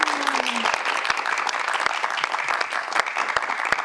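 Steady, dense applause from an audience for two guests, many hands clapping in a continuous loud patter throughout, with a brief low tone sliding downward at the start.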